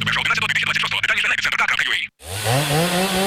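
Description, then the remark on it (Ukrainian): A power saw runs loudly with a harsh, buzzing whine for about two seconds in an advertisement for Dnipro-M tools, then cuts off abruptly, and a man starts speaking right after. “Пилу берем і дриль берем”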